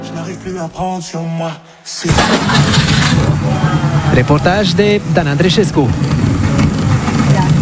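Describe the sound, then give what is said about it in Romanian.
A man speaks briefly, then the small two-stroke engine of a Trabant 601 car abruptly starts up and settles into a loud, steady, buzzing idle, with voices faintly audible beneath it. “Am venit cu un Trabant 601.”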